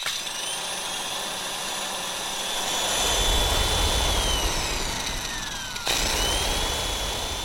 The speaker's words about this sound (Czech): Mixér.